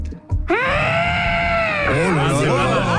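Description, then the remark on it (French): A person imitates an elephant trumpeting: a loud, brassy vocal blast that swells quickly and holds for over a second before breaking into a wavering, warbling finish. “fais-moi ton éléphant.”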